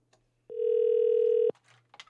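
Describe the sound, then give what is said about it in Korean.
A single steady telephone ringback tone sounds for about a second, loud and clear, as a call is placed to a listener's older sister, followed by faint clicks and rustling handling noises with no talking. “신호가 갑니다. 언니는 지금 아무것도 모른다는데. 아, 받았으면 좋겠는데.”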